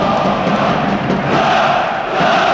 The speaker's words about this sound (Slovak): Ten sa udeje pod kotlom domácich fanúšikov, ktorých teraz môžete počuť aj v našich rukových mikrofónoch.